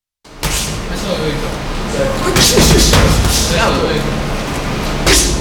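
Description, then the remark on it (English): Dull thuds of bare-knuckle fighters' fists striking punching bags land at irregular intervals over a constant noisy hum with indistinct voices, in a boxing gym in the basement of a former mill building in Lawrence, Massachusetts. “If you get lost looking for the Law Town Boxing Gym in Lawrence, just follow the thuds of fist making contact with punching bags and bodies.”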